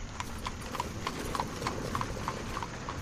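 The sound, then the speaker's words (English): Horse hooves clip-clop in a steady, even rhythm as a horse-drawn coach travels from the station back to Bryony Lodge on a cold November night under a full moon, the sharp knocks repeating about three times a second over a constant low rumble. “It was last November, on that cold night during the full moon, sitting in a coach we were, heading from the station back to Bryony Lodge”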